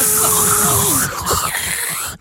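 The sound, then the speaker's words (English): A voice imitates a whirring dental drill with a sustained high-pitched buzzing hum that wavers and dips in pitch, ending in a brief hissing burst. “Just the noise of that whirring of that drill.”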